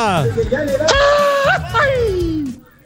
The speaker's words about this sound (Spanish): Ah, con este grito no llega ni aquí a la esquina, pinche vato.